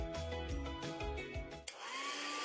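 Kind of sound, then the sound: household object, hair dryer blowing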